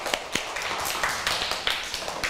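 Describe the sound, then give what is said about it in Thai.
A group of children clapping their hands together in a burst of irregular, overlapping claps, moderately loud, with no talking, applauding their classmates at their teacher's request. “แล้วทีนี้ขอเสียงปรบมือให้เพื่อนเราหน่อยค่ะ”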